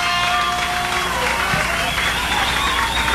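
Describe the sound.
A crowd applauds steadily, a dense wash of many hands clapping at an even, fairly loud level for a few seconds, with scattered voices and a faint sustained high tone underneath.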